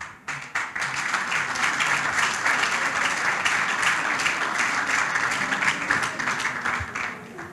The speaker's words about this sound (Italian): Grazie, ancora un applauso.